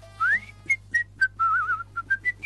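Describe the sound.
Someone whistles a short, lively tune: a rising opening note, then a string of quick, clear pitched notes with one warbling held phrase, with no talking.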